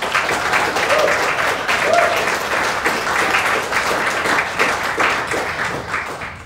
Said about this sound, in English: Please give them all a stirring round of applause.